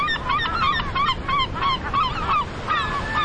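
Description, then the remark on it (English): American herring gulls calling loudly and repeatedly, many harsh, overlapping cries in quick succession, like a noisy group of gulls with no one speaking. “I'm Marcus Rosten, a naturalist and birder in Buffalo, New York, where I love watching American herring gulls.”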